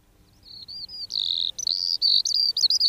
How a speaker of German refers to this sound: Hören Sie das Trillern und Zwitschern? Das ist die Feldlerche